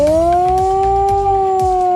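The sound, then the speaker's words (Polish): A loud, sustained alarm siren in Poland, at Kraków's main market square during a national response training, sounds a modulated 3-minute alarm signal: one strong tone that slowly bends in pitch, steady throughout, with a few soft thumps underneath and no voices. “Alarm ogłaszany jest modulowanym dźwiękiem trwającym 3 minuty.”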